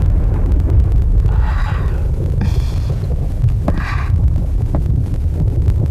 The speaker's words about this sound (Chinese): 天上打雷了，要下雨了，你要关好窗户，千万不要着凉啊。